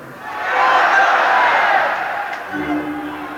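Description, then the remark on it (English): A crowd of many voices yells out their guesses at once on the count of three, for what a letter J should stand for, in a loud, jumbled burst that swells for about a second, then fades as a single voice begins talking. “On the count of three, yell out what you think it's for, and that's what'll go on the tape.”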